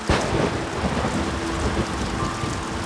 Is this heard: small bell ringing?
no